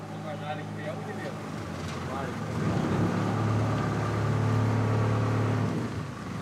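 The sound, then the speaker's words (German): A boat engine drones steadily as the boat heads out of the channel between Poros and the Peloponnese into the open bay, its low hum growing louder and heavier partway through, with a voice talking over it early on. “Es geht raus aus dem Kanal zwischen Poros und dem Peloponnes. Hinein in die offene Bucht.”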